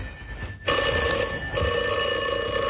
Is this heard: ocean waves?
no